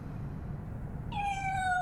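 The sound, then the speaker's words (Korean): A single high, thin meow from Bongju, a baby kitten peeking out of a room, rises clearly after a second of quiet hum, sustained and slightly drawn out, with no one talking. “아기 고양이 봉주가 방에서 빼꼼 얼굴을 내밀고 경계하듯 두리번거린다.”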